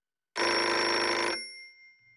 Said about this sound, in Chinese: 一分钟后，电话又响了起来。